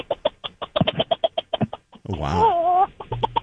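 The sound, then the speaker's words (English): A person imitates a bantam rooster calling the hens in, making a quick run of rhythmic clucks, then a drawn-out wavering call, then a few more clucks. A listener briefly reacts at the end. “It starts out when he's calling the hens in, so he goes.”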